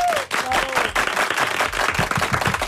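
An audience breaks into steady applause for an Iberia airline commander, a dense, continuous patter of many hands clapping at a fairly loud level, with a brief whistle-like tone near the start.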